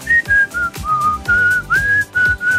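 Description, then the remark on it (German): A person whistles a short, bright melody, the station's sound logo, the tune moving through a series of clear sustained notes over a busy musical backing, with no talking. “Pfeifen, das ist so der Klang, wenn es richtig gut läuft.”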